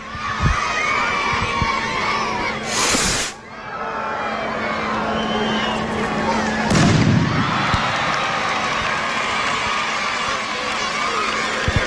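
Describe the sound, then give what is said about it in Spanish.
At the official opening of the San Fermín Chiquito festivities, a large crowd shouts and cheers continuously while a festival rocket, its fuse lit, whooshes up with a sharp burst, then a second loud bang follows, with voices rising around both. “Agarra y están poniendo la mecha. Ay, qué nervios, A ver, que lo cogen entre varios.”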